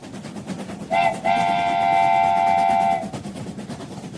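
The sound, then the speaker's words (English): A train horn sounds loud, a short blast followed by a long sustained tone of about two seconds, over a steady rumbling rail background with no talking. “Hey everyone, get ready for a train-tastic ride because we're aboard the Rat Express today.”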